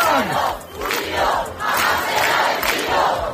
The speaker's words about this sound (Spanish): Esto cantaban anoche los acampados en la Puerta del Sol